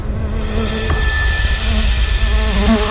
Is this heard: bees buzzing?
yes